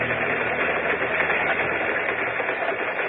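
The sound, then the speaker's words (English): A train rattles steadily along the tracks, a continuous dense mechanical clatter with a low rumbling undertone and no pauses, loud and alone with no voices over it. “Now they are on a train following the ceremony on their honeymoon.”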